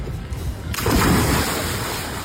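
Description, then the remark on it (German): Sea waves wash and splash out on the sea, a low rumbling surge that suddenly swells into a broad, hissing rush of churning water and stays loud to the end. “Naja, angekommen auf dem Meer hatten sie dann beide aber doch ein bisschen Spaß.”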